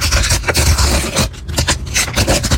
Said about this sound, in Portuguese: Ah, rasgar o pacotinho e abrir as figurinhas da Copa do Mundo. A coleção virou febre entre as crianças.